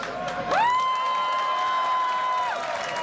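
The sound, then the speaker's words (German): An audience applauds and cheers steadily throughout as a band's violinist is introduced, with a long, sustained high whistle or whoop rising out of the clapping for about two seconds before fading back into the noise. “Das ist, kräftigen Applaus.”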